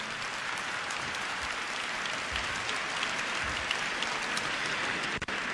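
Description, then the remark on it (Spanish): An audience at a Metanoia women's gathering applauds the men who came, steadily, a dense wash of many hands clapping at even loudness for several seconds, with a brief dip near the end and no voices over it. “Oigan, les damos un aplauso a los valientes que han venido aquí.”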